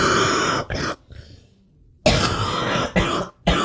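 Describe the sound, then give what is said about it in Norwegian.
A person coughs hard in two harsh fits of several rasping bursts each, separated by a short pause, after something went down the wrong way. “Åh, er ikke helt god den hosta, du?”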